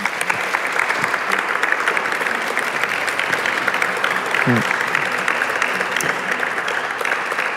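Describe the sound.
Sustained audience applause at a live radio broadcast from the Centre Pompidou, a dense steady wash of many hands clapping at an even, fairly loud level for several seconds, with a brief voice-like murmur rising midway.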